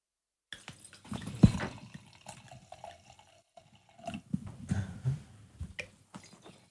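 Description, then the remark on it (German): Wine from a screw-cap bottle glugs and splashes into glasses in two separate pours, a longer one followed by a shorter one after a brief pause. The gurgling is fairly quiet, with no voices. “Und jetzt gießen wir ihn ein.”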